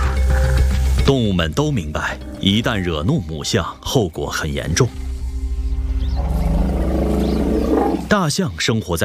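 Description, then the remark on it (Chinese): Elephants trumpet in a string of shrill, harsh calls that rise and fall in pitch. A steady low rumbling noise takes over for a few seconds before a few more loud blasts. “与此同时，他们还经常会发出尖锐刺耳的声音。通过这种方式，大象能制造混乱，展示力量，以此威慑对手。”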